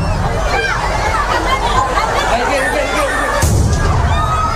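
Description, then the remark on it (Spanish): A dense crowd murmurs and chatters loudly, then a firework rocket, launched to open the festivities in Noáin, misfires and explodes on the town hall balcony, setting off other devices there: a sudden blast booms out near the end, followed by a rumbling roar as the crowd noise continues. “En que se produjo una de esas explosiones que ha dejado, como decimos, más de 40 heridos.”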